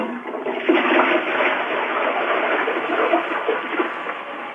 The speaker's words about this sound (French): Tirez la chasse d'eau pour voir. Tirez la chasse d'eau. Avec le pain dedans ? Avec le pain dedans ? Ben oui.